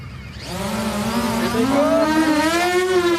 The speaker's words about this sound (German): Das nächste Team startet eine Angriffsdrohne.